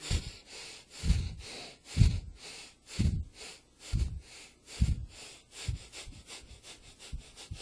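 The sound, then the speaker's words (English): Audible breathing repeats in a steady rhythm, about one breath per second for several cycles, each airy rush fading before the next. No talking. “Comes quickly. Breathing from here.”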